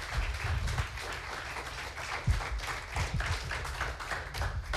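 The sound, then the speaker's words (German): Sustained applause from a live audience as contest participants are called back onto the stage for a second vote: a dense wash of many hands clapping continuously at steady volume with no voices over it. “Deshalb bitte ich unsere Teilnehmer noch einmal unter Applaus hier vorne auf die Bühne.”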